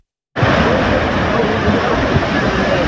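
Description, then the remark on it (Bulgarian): A flooded river roars past close by, a loud, steady rush of churning water carrying stones, with dull low thuds scattered through the torrent after a brief silent start. “Днес видяхме огромна река. Носеше огромни камъни, може би по един тон камъни, които нямаше как да бъдат спряни.”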